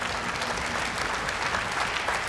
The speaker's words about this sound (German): Applaus für den Geografie-Experten